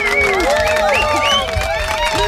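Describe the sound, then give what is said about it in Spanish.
A crowd applauds steadily for a couple of seconds, the clapping mixed with loud cheering and whooping voices, on a Spanish radio show, applauding the show's sound technician. “Un fuerte aplauso para él, por favor, un fuerte aplauso.”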